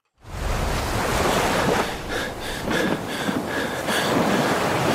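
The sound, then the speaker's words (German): Loud, steady roar of ocean waves in the middle of the open sea, surging and washing continuously, with no voices, a broad rushing wash that swells slightly in places. “Schiffbruch mitten auf dem Meer. Ein Mensch gefangen in einem gelben Gummiboot, rundherum nichts als Wasser.”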